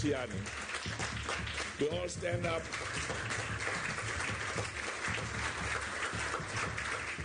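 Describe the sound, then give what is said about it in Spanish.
A standing crowd applauds Gianni Infantino in a steady, dense wash of clapping that holds for several seconds, with raised voices and brief cheering rising over it. “Quiero que se pongan de pie y aplaudamos a Gianni.”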